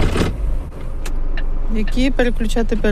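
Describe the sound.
A large truck engine cranks to life with a short burst, then settles into a steady low rumble while a person talks over it. A woman starts the engine of a big truck, 9 metres long, on a driving-licence test track on the outskirts of Kyiv.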